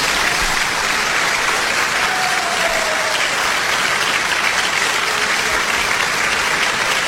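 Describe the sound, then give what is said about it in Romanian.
Sustained audience applause welcoming the entrance of Domnul Mitică Popescu, a dense, steady wash of many hands clapping at an even loudness for several seconds, with no one speaking over it. “Domnul Mitică Popescu. Aplauze!”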